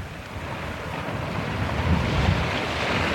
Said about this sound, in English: the ship rolled from side to side to let the murky green waves slide past with a swish.